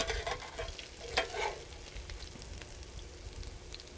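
Food sizzles and crackles steadily in hot olive oil, with a few sharper pops and scraping stirs near the start over a continuous hissing fry.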